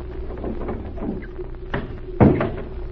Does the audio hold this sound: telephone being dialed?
no